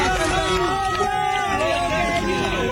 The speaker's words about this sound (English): Onlookers cheer as emergency workers carry the 21-year-old man out on a gurney.